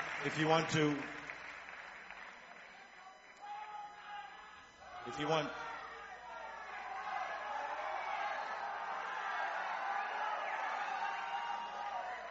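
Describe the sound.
A large concert crowd cheers and hollers for more in a steady, roaring wash of noise, with a few sharper bursts of yelling early on and a voice briefly audible through the din.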